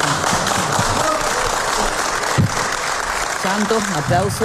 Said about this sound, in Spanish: Aplauso sin poder seguir, ¿no? Sí, prácticamente.